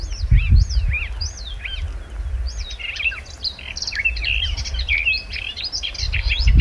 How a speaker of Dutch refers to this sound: die hoorde 's morgens vroeg in de Schorrelse duinen de tuinfluiter onafgebroken zingen.